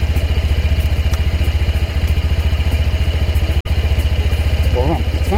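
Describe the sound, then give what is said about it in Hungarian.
A Honda PCX 125 scooter engine idles steadily and quietly, a rapid, even putter that holds its pace throughout, with one brief dropout partway through. “Ami nekem baromira tetszik, és akkor megint beindítom, hogy ennyi, tehát a fordulat tényleg annyira halkan jár, olyan szépen jár”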